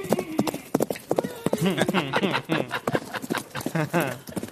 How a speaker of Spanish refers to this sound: Suenan los caballos.